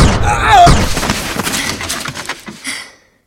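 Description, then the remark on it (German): A single sharp gunshot bursts out early, mixed with a brief strained vocal sound, then a scattered rattling tail that gradually dies away into silence. “Hoffentlich hat der andere Kerl den Schuss nicht gehört.”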